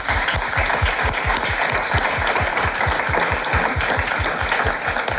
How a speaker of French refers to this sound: Et je trouve que ça s'applaudit.